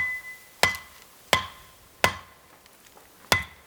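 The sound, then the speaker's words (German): Four sharp chopping blows strike at an uneven, unhurried pace, each with a brief metallic ring, fairly loud, with quiet pauses between them and no talking, as a man hacks through dense vegetation where there is no way around. “Doch an vielen Stellen gibt es kein Herum. Er muss hacken und sägen.”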